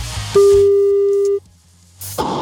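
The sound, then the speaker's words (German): A single steady telephone ringing tone as a phone number is dialed during a radio broadcast, sounding for about a second, clear and fairly loud, then cutting to near silence before a brief click and rustle as the line picks up. “Ich wähle eine Telefonnummer.”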